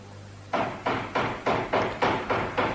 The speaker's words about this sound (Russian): Ай, кого-то черти принесли. Кто там? Кто стучит?